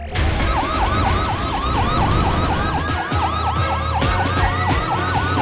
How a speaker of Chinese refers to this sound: 对，不过我们动作要快，警笛响起，警灯亮起。